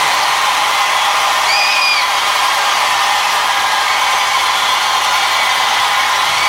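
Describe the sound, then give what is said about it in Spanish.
Loud, dense applause from an audience, a steady wash of clapping for several seconds, with a short high whistle rising above it near the start. “Ten un aplauso fuerte, nuestro amigo Koalo.”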